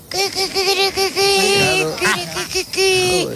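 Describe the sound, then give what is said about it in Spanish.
A woman's voice imitates a hen on Basque regional television, producing a run of strained, high clucking and cackling calls in quick bursts, loud with short breaks between phrases. “Una gallina.”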